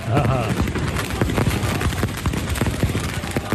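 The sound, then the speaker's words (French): Galatasaray supporters in Istanbul set off firecrackers and fireworks at night outside Barça's hotel to keep the team from sleeping: a rapid, irregular barrage of sharp bangs and pops crackling without pause, loud and dense throughout, with a brief low voice at the start and faint crowd noise underneath. “Une fois les qu'on a pétards, repéré les feux d'artifice.”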